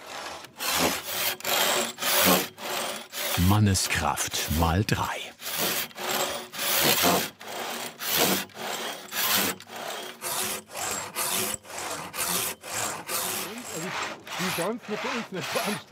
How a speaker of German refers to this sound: Das ist jetzt eine Rahmensäge.